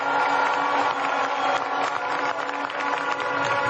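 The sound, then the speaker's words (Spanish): A large crowd at a political campaign event applauds and cheers the candidate's campaign team loudly and continuously, a dense wash of clapping and shouts that holds steady throughout with no one speaking. “Un aplauso para ellos.”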